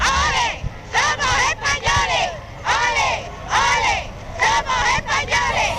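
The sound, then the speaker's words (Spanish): A large crowd in the streets of Ceuta, Spain, welcoming the king and queen, chants in unison "ole, ole, ole, somos españoles": loud, rhythmic rising and falling calls repeated in bursts over steady crowd noise. “El pueblo ceutí salió en masa a la calle para recibir a los reyes, una multitud enfervorecida y apasionada que gritaba aquello de ole, ole, ole, somos españoles.”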